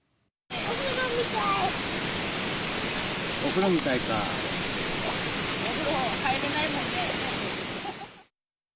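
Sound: flowing river water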